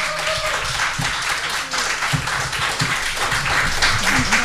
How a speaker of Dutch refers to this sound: Graag jullie applaus voor Mathies Schepens en Nicky Langley.